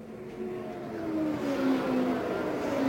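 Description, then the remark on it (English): Engines of brightly colored race cars drone and whine steadily as they come by on a track in Indiana, their pitch climbing slightly as the roar grows louder over a broad rushing noise, with no voices. “To see them come by here in this Indiana sky is really worth something.”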